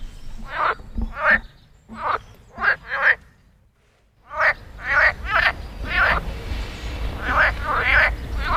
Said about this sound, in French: Au printemps, les grenouilles se réveillent, c'est la saison des amours.